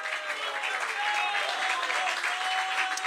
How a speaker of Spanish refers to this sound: Fuerte, fuerte ese aplauso entonces a nuestro Dios.